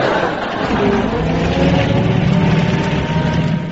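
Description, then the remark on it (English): An old lorry engine with engine trouble runs loud with a rough, steady rumble and rattling mechanical noise, holding a constant level throughout with no voices. “Engine trouble.”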